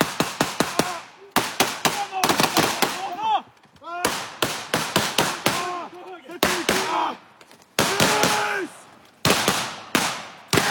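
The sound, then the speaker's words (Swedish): Rapid bursts of sharp gunshots of blank ammunition, fired by soldiers during a military exercise, crack out in quick succession, some in clustered volleys, loud, with shouted voices heard briefly between the shots. “Eftersom det bara är en övning så skjuter de med lös ammunition så att det bara kommer en rökpuff och inga riktiga dödliga skott.”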